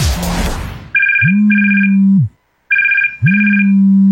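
A telephone rings twice, each ring a pair of quick electronic trills over a steady low tone, loud, with a short pause between rings after a brief burst of noise.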